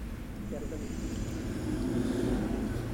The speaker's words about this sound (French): Un camion marée service, un camion bâché bleu, des taxis. Un camion les rillettes Coulon. Quelques voitures, assez peu.